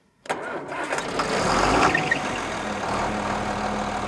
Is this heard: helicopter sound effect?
no